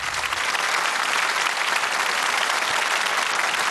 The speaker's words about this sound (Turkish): O güçlü alkışlarınız için çok teşekkür ederim efendim.